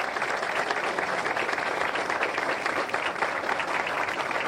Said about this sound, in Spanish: La entrega de este testimonio y reconocimiento, fuerte los aplausos, señoras y señores.